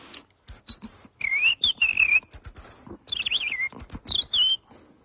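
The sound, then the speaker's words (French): A whistled imitation of a European robin's song, as in the robin part of Messiaen's Catalogue d'oiseaux: quick high trills, slides and short sweet phrases in rapid succession, clear, with brief pauses between bursts and no talking. “Il, dans son catalogue d'oiseaux, il a dédié une partie au rouge-gorge. Il fait...”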